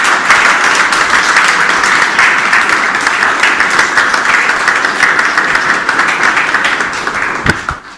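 A crowd applauds loudly and steadily for the teacher advisors of the students, closing the opening protocol of the first workshop of 2026. A dense wash of many hands clapping at once holds for several seconds before starting to thin out at the end.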